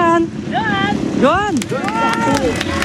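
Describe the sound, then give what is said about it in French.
A motorcycle engine revs up and down in loud, swooping bursts as MotoGP rider Zarco, winner of the last French Motorcycle Grand Prix, arrives on his motorcycle in his Honda team colours, over a busy background of crowd voices and wind buffeting the microphone. “Tenu aux couleurs de son écurie Honda et venu avec sa moto, Zarco fait quelques selfies.”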